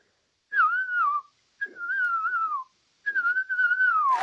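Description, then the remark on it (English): A person whistles an imitation of a ground cuckoo-shrike call: three sustained, wavering phrases around a mid-high pitch, each gently sliding and trilling, separated by short pauses, with no speech. “Okay, so give us your best ground cuckoo shrike,”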